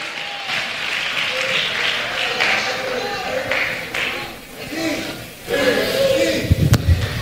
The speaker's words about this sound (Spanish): Den un aplauso entonces a esta pareja.